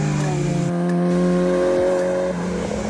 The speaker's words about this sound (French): un moteur Honda qui prend des tours de malade. Oh là là, j'ai les oreilles qui saignent. En fait, c'est simple, le moteur il est là. Il est là, donc il est en direct, échappement libre. Ça prend 9000 tours, putain, mais c'est dingue.